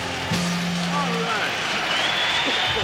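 A live concert crowd applauds steadily for about three seconds, a dense wash of clapping mixed with cheers, shouts and a few whistles rising above it.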